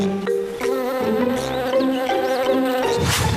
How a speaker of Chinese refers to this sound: 哦，有什么飞过来了？啊，是只小蜜蜂，不是要叮我吧？